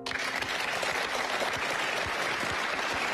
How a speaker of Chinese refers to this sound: 谢谢，掌声